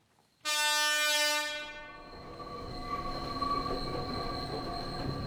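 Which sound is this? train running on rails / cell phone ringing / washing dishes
train running on rails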